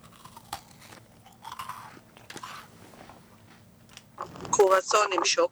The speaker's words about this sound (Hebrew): מה את חושבת אני לועס כאן בשידור?